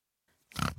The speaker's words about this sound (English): Hi, I'm Flora the Pig and I live at Tomar Retreat.